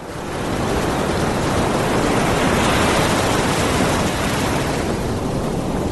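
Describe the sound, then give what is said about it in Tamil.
Ocean surf rolls onto a beach in a steady, broad roar that swells in over the first half second, then holds loud and constant with no separate crashes standing out. No one speaks. “என்னம்மா, நீ கேட்ட மாதிரியே அப்பா உன்னை கடற்கரைக்கு கூட்டிட்டு வந்துட்டேன். எப்படி இருக்கு கடல்லாம்?”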